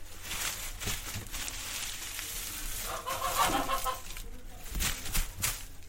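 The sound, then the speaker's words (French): Several hens cluck and chatter together on a farm, a steady jumble of short clucks with a few louder bursts over a noisy outdoor background. “Des cochons. Des poules.”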